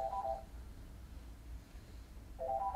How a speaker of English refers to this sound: You have a phone call, Ian? No, that's over there.